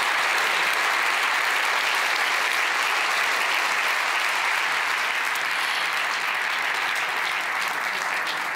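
Sustained, loud applause from an audience congratulating the winning team at an award ceremony, a dense wash of clapping hands that stays steady for the full stretch with no voices standing out.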